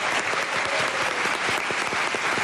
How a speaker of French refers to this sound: Et je vous demande d'applaudir bien fort 13, qui est avec nous.